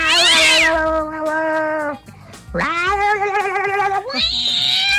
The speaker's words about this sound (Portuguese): Tem um gato que tá no telhado brigando. Gato no telhado, como é?